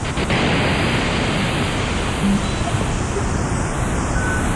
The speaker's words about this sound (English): Let me return to another fundamental sound generated by the synthesizer. This is white noise, so-called because as white light contains all colors, so white noise contains all pitches.